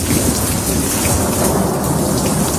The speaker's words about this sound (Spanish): Son las típicas tormentas de verano como la que nos sorprendió ayer por la tarde.